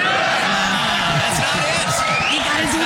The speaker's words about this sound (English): Don't clap for that.